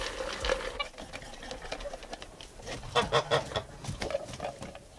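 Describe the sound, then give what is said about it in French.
A flock of geese honks on a farm, their harsh, nasal calls overlapping in quick rhythmic bursts that swell louder near the end, with no one speaking. “Est-ce que les oies sont plus difficiles à gaver que les canards ?”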